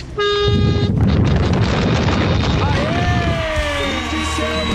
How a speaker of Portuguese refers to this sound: Os últimos as últimas buzinas de hoje, vai.